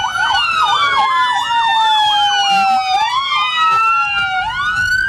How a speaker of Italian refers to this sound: L'ululato delle ambulanze non chiede spazio ai soccorsi, ma annuncia l'ingresso in paese dei corpi.